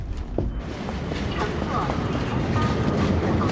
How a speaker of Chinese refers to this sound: 那你听我说啊，我现在在火车上面。